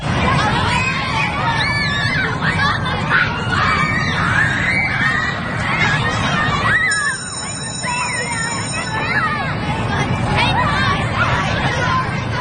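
A loud crowd of schoolchildren shouting and chattering fills the whole clip as pupils head back to school; about halfway through, a shrill, steady school bell rings for roughly two seconds over the noise, calling them back to class.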